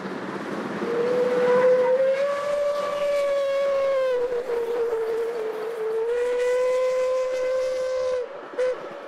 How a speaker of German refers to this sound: Nun kann er kommen, unser Dampfschnellzug, der an diesem letzten Julitag des Jahres 2015 noch gut 300 Kilometer vor sich hat und den bis ins nordbayerische Hof 2 Maschinen der Deutschen Bundesbahn ziehen.